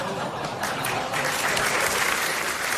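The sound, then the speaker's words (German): Steady audience applause, a dense wash of many hands clapping at fairly even loudness for a few seconds, with no voices standing out. “Ja, und da klatscht sie auch noch, sauber.”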